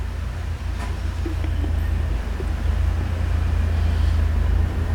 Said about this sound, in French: Le camion de livraison boisson démarre.